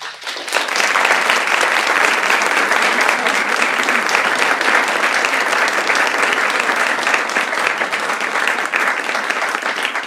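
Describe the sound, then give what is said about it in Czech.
Sustained applause from an audience at the poetry stage of Viola in Prague, a dense, steady wash of clapping that swells in within the first second and continues loudly at an even level throughout, with no voices standing out. “Ten další potlesk pravděpodobně a zcela jistě bude patřit tomu, který bude hlavním hostem dnešního pořadu a bude odpovídat na dotazy nejen posluchačů mikrofora”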